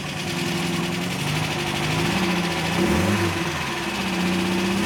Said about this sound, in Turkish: Sesi kulağa güzel geliyor. Sevimli bir motor. Klasik bir arabanın olabileceği kadar basit ve temel bir araba ama çok güzel tasarlanmış.